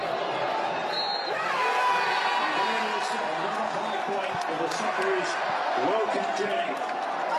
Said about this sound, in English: And here's the moment the crowd reacted to the end of the match at Fed Square just moments ago.